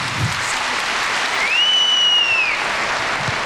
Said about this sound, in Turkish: Şu anda plaketlerini Sayın Cumhurbaşkanımızdan alıyorlar. Kuvvetli alkışlarımızla kendilerini misafir etmeye devam ediyoruz.